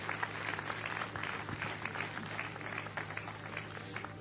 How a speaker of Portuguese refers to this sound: Podem tomar os seus lugares e exaltem o nome do Senhor Jesus com as suas palmas. Glória a Deus.